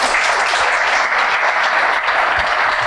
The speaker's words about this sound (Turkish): Bir alkış buna da herhalde.